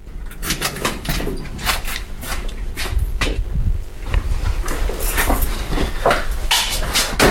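A heavy door to the public areas of an archive swings shut, leading into closed storage stacks, amid a run of sharp metallic clanks and rattles, over a low rumbling background that continues throughout.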